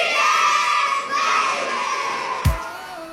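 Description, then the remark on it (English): A crowd of children shouting and squealing at a swimming pool, a steady wash of high, excited voices with a brief sharp burst of noise near the end. “I love days like these at the pool”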